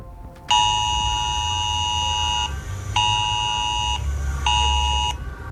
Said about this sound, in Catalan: Al Catalunya Nit us vam explicar que Protecció Civil estudiava com enviar alarmes menys estridents que aquesta que sentíem ara als telèfons mòbils per avisar la població